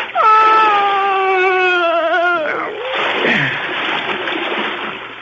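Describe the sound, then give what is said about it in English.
A drawn-out, wavering wail breaks off into a heavy splash as two bodies are pushed into dark water, followed by several seconds of loud churning, sloshing water. “I pushed them both into the dark water.”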